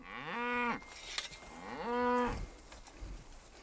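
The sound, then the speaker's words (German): Two long, loud moos from a cattle herd being moved to new pasture across a neighbouring horse farm's land, each a low harmonic bellow rising and then falling off, separated by a short pause, with faint outdoor background noise between them. “Damit dessen Tiere und die Rinder nicht durcheinanderlaufen oder sich gar umrennen”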